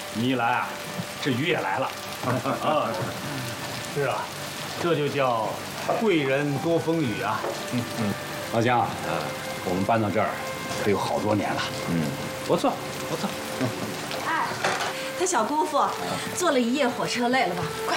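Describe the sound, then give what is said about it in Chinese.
Steady rain falls in Qingdao, a soft constant hiss under people talking for the whole stretch. “你一来啊，这雨也来了。”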